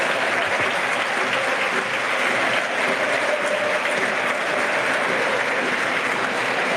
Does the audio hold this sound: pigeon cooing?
no